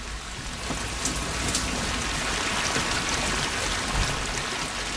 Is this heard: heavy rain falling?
yes